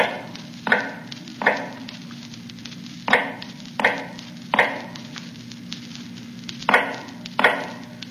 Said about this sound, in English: Now in the North Tower, cell number 105 is heard all day, a low, hammering sound. The sound of an old man making shoes in the dark.